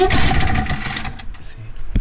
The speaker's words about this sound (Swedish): Lite som en moped.